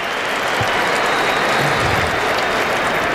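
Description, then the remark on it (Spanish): Sustained applause from an audience, a dense, steady wash of many hands clapping at even loudness throughout, with no voices standing out, as people applaud a speaker's thanks to president Florentino. “Botecito de Florentino y sonrisa cómplice y la gente aplaudiendo.”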